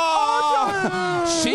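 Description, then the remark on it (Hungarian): A child cries in a loud, continuous wail, the pitch wavering and bending up and down across a sustained, strained sob with no pauses. “Nagy sírás van!”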